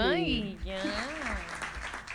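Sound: audience applause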